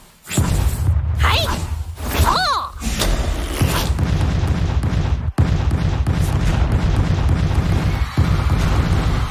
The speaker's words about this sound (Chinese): 真正会爆炸的是隐藏在场上部分漂浮着的白球。 嘿嘿，就让我先把这些会爆炸的白球消除掉吧。